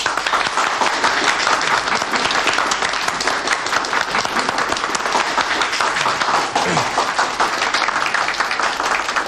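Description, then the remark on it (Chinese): A room full of people at a meeting applauds steadily to thank invited experts, dense overlapping claps forming a continuous, fairly loud wash of sound for several seconds with no one speaking. “秦大队啊，专家我们都请来了，还是应该表示一下感谢嘛。鼓掌。”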